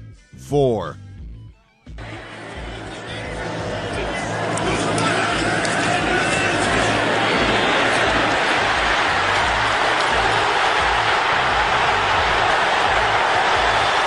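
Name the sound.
stadium crowd roar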